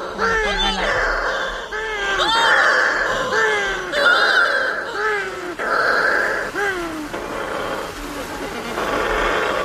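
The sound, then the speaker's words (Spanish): Shearwaters calling over and over as they come in to their nests at a colony in the early morning darkness after moonset, overlapping wailing, moaning cries that rise and fall in pitch, loud and continuous, with many birds sounding at once and no talking. “Cuando se pone la luna, en la oscuridad total, cuando no hay luz, para que las gaviotas no encuentren los nidos, es cuando entran las pardelas.”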